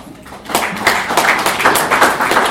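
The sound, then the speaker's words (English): An audience at a celebration of 15 years of the Constitution of Kenya (Katiba) breaks into steady clapping for themselves after a brief quiet moment, many hands together making a dense, continuous patter that stays fairly loud throughout. “And why are you clapping for yourself?”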